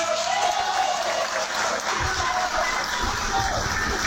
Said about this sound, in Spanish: Muy aplaudido fue el ingeniero Rosinaldo Villegas Campos, candidato a la alcaldía provincial de Utcubamba por el partido político Somos Perú y su símbolo, el corazoncito.